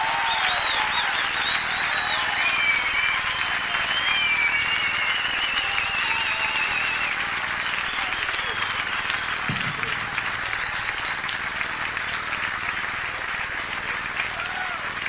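Sustained audience applause with dense, continuous clapping at a steady loud level for the full stretch, a bright crackling wash with scattered whistles and cheers mixed in.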